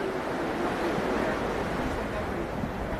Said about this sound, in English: it's perhaps sadly appropriate that we have a driving rainstorm here today